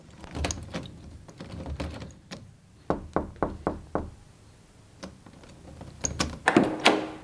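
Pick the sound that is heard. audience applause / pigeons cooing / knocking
knocking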